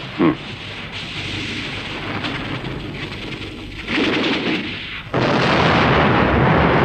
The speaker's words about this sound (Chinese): 哎，水电站爆炸了！